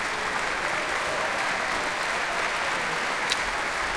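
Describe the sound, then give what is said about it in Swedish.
Dense, sustained applause from a large concert audience at Berwaldhallen, giving a standing ovation to three ensembles and soloists after a performance of Mendelssohn's Second Symphony; steady and loud throughout with no pauses, a continuous wash of many hands clapping at once. “Utanför mitt fönster här i Berwaldhallen så är det folk som ställer sig upp och ger stående ovationer till de här tre ensemblarna alltså, som tillsammans med solister har spelat för oss ikväll.”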